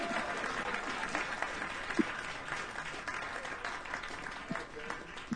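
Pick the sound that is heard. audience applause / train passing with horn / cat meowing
audience applause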